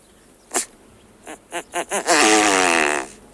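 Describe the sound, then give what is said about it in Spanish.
A male great bustard calls: a brief puff, then four quick rising pulses leading into a loud, rasping, raspberry-like buzz lasting about a second, with no voices. “Aunque por lo general son animales muy silenciosos, casi mudos, llama la atención el sonido que emite el macho de avutarda, algo parecido a una pedorreta.”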